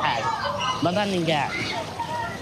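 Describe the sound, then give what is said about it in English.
Continuous splashing and sloshing of water in a swimming pool in Khan Yunis that survived the war intact, with children's voices calling and shouting over it. “he comes to this pool in Khan Yunis, which made it through the war intact.”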